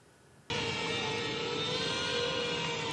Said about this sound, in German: Verstörende Aufnahmen aus der südukrainischen Stadt Cherson. Dieses von der ukrainischen Polizei veröffentlichte Video zeigt, wie eine russische Drohne einen Gemüsehändler auf einem Markt verfolgt.